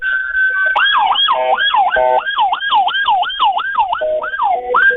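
An alarm on a phone caller's end blares continuously, starting with a steady electronic tone and then cycling through rapid rising-and-falling whoops in a repeating pattern, with no talking over it.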